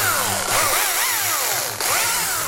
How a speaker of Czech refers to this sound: Když to zapnete, tohle to není úplně normální pila, to je taková... Tohle to je carvingová pila a je vlastně speciálně na detaily, má úzkou špičku.